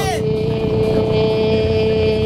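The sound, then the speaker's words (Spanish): A voice imitates a passing motorcycle: a quick falling whoosh, then a steady, buzzing engine drone held loud for a couple of seconds. “La moto está pasando.”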